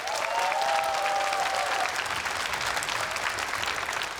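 An audience applauds steadily for about four seconds to welcome a performance of the Sarangga passage from the pansori Chunhyangga, a dense, even patter of many hands clapping at constant loudness, with a faint whoop or whistle rising over it near the start.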